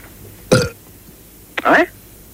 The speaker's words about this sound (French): Ce sont des rots qu'on entend. Oui, absolument. Bah, on entend quelqu'un qui rote, alors... Bah oui, mais c'est ce qu'il y a pour gastro-entérologie.